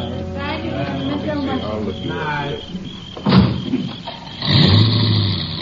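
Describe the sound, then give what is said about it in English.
A voice speaks briefly, then a car door thumps and an engine turns over and revs up, the motor noise swelling as the car begins to pull away at sundown, as the last guests leave a house. “About sundown, the last of the guests left the house.”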